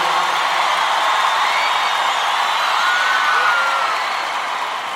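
A large crowd claps steadily and loudly, with scattered whoops and cheers mixed into the dense wash of applause, which eases off slightly toward the end.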